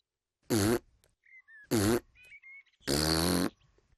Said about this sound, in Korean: 팔파가 말한 대로 했지만 조지는 딸꾹질을 계속했습니다.